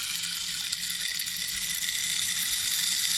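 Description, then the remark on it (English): A rain stick being tipped pours out a steady, hissing cascade of tiny pellets, sounding like continuous rainfall. The rustle stays even and fairly loud for the whole few seconds, with no voices. “This is the rain stick.”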